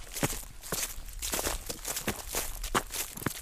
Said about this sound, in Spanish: Y tras la cima, bajo rápido por estos robledales y pisando ya las hojas que el otoño va dejando en el suelo.